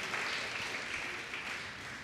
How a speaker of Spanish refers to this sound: Dele un fuerte aplauso a Cristo Jesús. Aleluya.